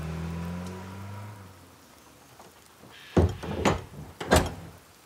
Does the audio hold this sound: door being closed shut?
yes